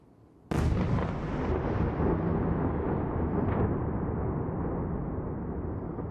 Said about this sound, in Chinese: 基辅七日凌晨遭到弹道导弹袭击，上空传出多阵爆炸声，大批民众躲入地铁站避难。